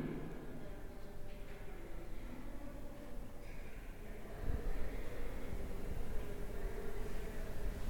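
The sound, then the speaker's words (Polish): A steady, low-level background hiss from a Zoom audio recorder, with faint low rumble and no speech, continuing evenly and getting slightly louder partway through. “Jeszcze trochę pokażę szumu tła, jak urządzenie szumi.”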